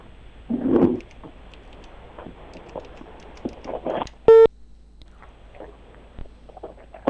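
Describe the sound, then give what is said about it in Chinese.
A brief, sharp electronic telephone tone sounds once, loud, amid scattered clicks and faint handling noise from a phone being dialed to call the local housing and construction bureau. “而且我们刚才说的已经很清楚了，来继续试着拨打一下咱们土佐齐住建局的电话。”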